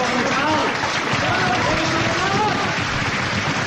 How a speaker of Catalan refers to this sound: Això era el 2 de desembre del 76, es va inaugurar Lliure i va haver aquest aplaudiment espontani que es va fer abans de la funció, eh? Les ganes que hi havia tu de Lliure.